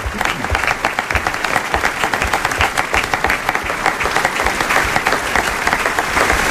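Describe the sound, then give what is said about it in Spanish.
Sustained applause from an audience for the guest actors of a radio play of A.J. Raffles. Dense overlapping claps hold a steady level for several seconds, with no voices standing out. “Nuestro aplauso especial a nuestros actores invitados de esta mañana.”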